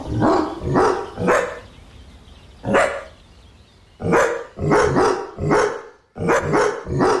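A dog named Cooper barks repeatedly while out on a walk, in short bursts, mostly in quick groups of two or three loud, sharp barks separated by brief pauses, with no one talking.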